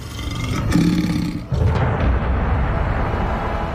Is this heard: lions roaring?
yes